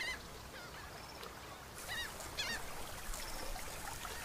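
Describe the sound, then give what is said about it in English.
A flock of flamingos, resting over lagoons and coves, honks in short, overlapping goose-like calls, clustered in bursts over a steady outdoor background, fairly faint. “A flock of flamingos spreads over the distant lagoons and coves to rest and recover their strength.”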